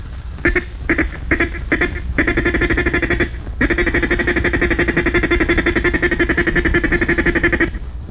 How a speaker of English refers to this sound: Next is the feed call. Say ticka, ticka, ticka, ticka, ticka, ticka, ticka, ticka. Now with your duck call.